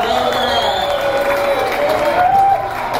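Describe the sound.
An audience claps in a steady, dense round of applause lasting the whole stretch, with crowd voices and a few whoops mixed into the noisy wash.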